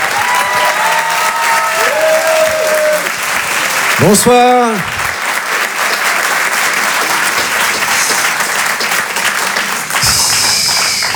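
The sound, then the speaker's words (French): An audience at the Rire et Chanson Comedy Club gives loud, sustained applause and cheering for a comedian, with whistles and shouts rising above the clapping; a man briefly says a greeting into it partway through. “Faites du bruit s'il vous plaît pour ….”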